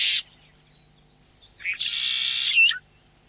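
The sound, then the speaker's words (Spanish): A bird calls in open grassland with shrubs, a short high note followed after a pause by a longer, buzzy trilling call, with a quiet open-air background and no voices. “Porque cuando el viento baja su intensidad, aparece otro paisaje sonoro, el sonido de las aves, el movimiento de los animales y en determinados sectores el agua.”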